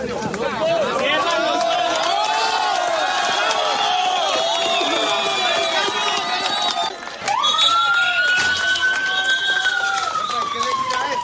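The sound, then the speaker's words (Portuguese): Rescue teams and relatives shout and cheer with joy in a loud, continuous outdoor din as a 32-year-old woman is carried on a stretcher from earthquake rubble 36 hours after the quake, while a siren wails steadily above the commotion in the second half. “Daniela Largo Sanches foi retirada em uma maca dos escombros, enquanto as equipes e os parentes gritavam de alegria”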